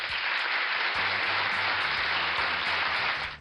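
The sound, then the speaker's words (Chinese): Sustained applause from a crowd, a dense steady clatter of many hands clapping at full volume for a few seconds, with faint low tonal sounds beneath and no one speaking. “说到这儿，我们是不是要给小浣熊一个大大的掌声呢？”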